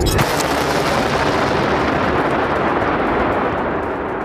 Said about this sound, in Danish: Som man kan høre her, har iransk stats-TV vist billeder af missiler og droner, der ifølge stats-TV-stationen blev sendt afsted mod baserne.